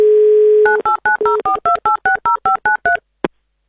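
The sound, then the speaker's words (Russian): A steady telephone dial tone hums for under a second, then gives way to a quick run of about eleven even touch-tone beeps, followed by a brief click. No one speaks. “Давайте, звоните, не торопи нас.”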